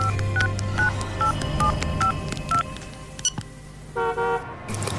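A rapid series of short mobile phone dialing tones as a phone is taken from a pocket and a call dialed, about eight clear beeps in quick succession, followed by a brief burst of a different electronic tone near the end.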